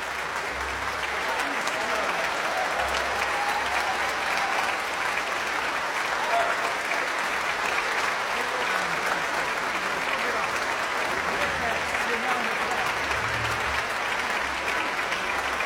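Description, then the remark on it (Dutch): A large audience at the closing concert of the Dag van de Componist in Tivoli Vredenburg, Utrecht, applauds and cheers for Joey Raukens with dense, continuous clapping and scattered cheers, holding an even loudness for the whole stretch without a break. “Dat gejuich is voor Joey Raukens.”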